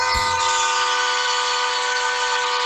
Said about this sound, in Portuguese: Aqui, maquinista. Escuta o som da buzina. Vai. Essa é pra você.